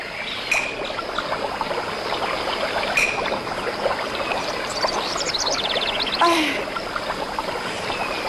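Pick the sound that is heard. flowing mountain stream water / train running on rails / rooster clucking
flowing mountain stream water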